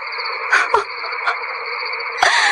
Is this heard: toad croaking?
yes